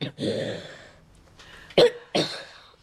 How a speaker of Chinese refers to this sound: 不说了啊，小心又咳嗽起来了啊，不说话了。